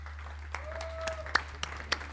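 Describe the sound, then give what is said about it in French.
Light, scattered applause at the close of a video interview: a handful of sharp claps spaced irregularly over about two seconds, heard over a steady low background hum, with no one speaking. “On va Avec t'applaudir.”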